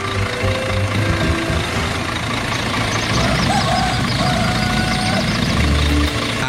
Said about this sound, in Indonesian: Uniknya lagi, kendaraan yang dipilih bukan mobil mewah, melainkan sebuah truk dengan bak terbuka yang siap mengangkut para penumpang.